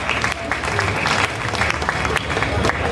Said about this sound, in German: ja, gerne Applaus